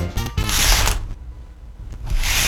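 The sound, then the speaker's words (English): A spray bottle trigger clicks and releases two short hissing sprays of air freshener mist, separated by a brief pause, with no voices. “Now, it looks and sounds like a spray bottle.”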